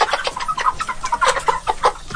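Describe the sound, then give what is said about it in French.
A flock of about 110 broiler chickens (50 small, 60 large) raised by a farmer in the village of Machoka clucking and chirping, many overlapping short calls forming a busy, continuous chatter with no talking. “Ce sont des poulets de chair. J'en ai de deux catégories, 50 petits et 60 gros.”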